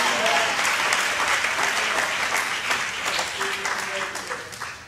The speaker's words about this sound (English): If that's you, clap your hands for the Lord.